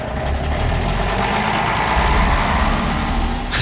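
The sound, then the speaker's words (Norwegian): A bus engine in Norway, running in place of a train because of a signal fault, idles steadily, a constant low rumble with a faint knocking texture throughout, ending with a brief hiss near the end. “Ja, på grunn av signalfeil startet ikke denne reportasjen med lyden av tog. Der ble buss for toglyd.”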